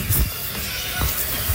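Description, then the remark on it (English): The small door of a bird release box scrapes and catches in its frame as the slat is pulled, with a few dull knocks and a sharper scrape partway through over steady background noise. No voices. “Yeah, that door is getting caught.”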